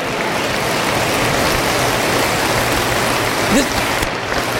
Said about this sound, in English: That's kind of a wimpy, limpy clap to me.